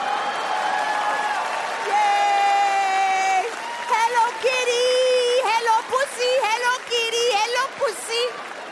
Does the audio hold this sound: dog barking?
no